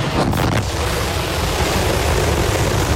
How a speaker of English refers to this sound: All right, little more than 35 seconds into the flight, 33 out of 33 engines lit on Super Heavy. The windows shaking a bit here.